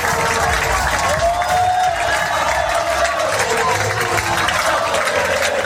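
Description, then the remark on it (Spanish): A huge crowd at Wembley stadium roars with steady, dense applause for the Spanish national football team after its 3-2 win over England, while massed voices rise in a sustained chant of olé that swells and falls across the din. “Aplausos y gritos de olé olé en Wembley.”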